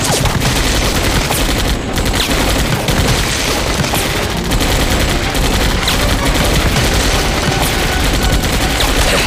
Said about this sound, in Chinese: 枪声好像远了一些，似乎在走廊上。